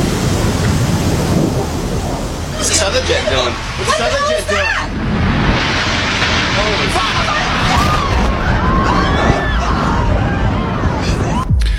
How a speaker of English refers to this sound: That is the sound. About 6-7 floors were taken out. And there's more explosions right now. Hold on, people are running. Hold on just a moment. We've got an explosion inside. The building's exploding right now.